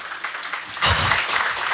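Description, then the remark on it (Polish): Gentle audience applause, a soft scattered patter of many hands that swells after a moment into steadier clapping and keeps going at a moderate level. “Brawa, może?”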